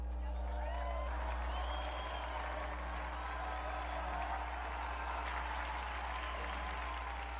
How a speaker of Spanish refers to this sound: Unidos pues a las iglesias de España, Bélgica y Estados Unidos, brindemos nuestro vivo aplauso a San Juan de Ávila y al beato Damián José de Beuster.